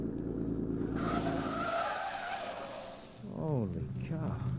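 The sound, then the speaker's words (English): A car engine roars as tires squeal and skid while the car drives fast around a curve, the screeching swelling loudly for a couple of seconds before wavering and fading under the motor's rumble. “This ought to be the last curve, then a straightaway.”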